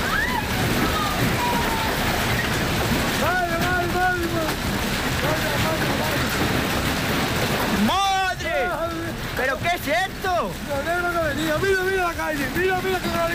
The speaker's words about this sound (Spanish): Así sonaba el granizo ayer en Talavera, en medio del pánico de los vecinos.